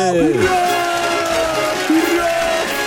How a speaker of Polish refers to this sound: No to co, mamy trzy? No mamy brawo! Trzy!